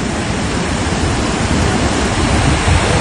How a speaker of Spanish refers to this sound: el agua es impresionante. Estamos viendo el estero Punitaqui. Uno pasa por ahí, siempre hay muy poco, nada o muy poca agua.